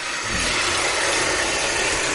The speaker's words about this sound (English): I'm going to turn off the faucet here for a second. All right, now pouring in some bubble bath. Now let me just turn the faucet back on here.